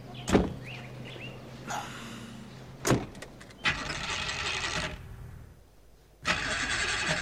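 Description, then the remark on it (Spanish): A car engine cranks in three rough, whirring bursts that never catch and run, separated by sharp mechanical clicks and brief pauses. No one speaks. “Eso no suena bien. Quizás es la batería. O el encendido.”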